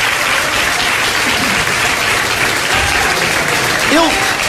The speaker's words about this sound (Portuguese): Eu quero ouvir a maior salva de palmas desse culto, vai ser agora. Deixa eu ver. É para Jesus, é para Jesus, é para Jesus.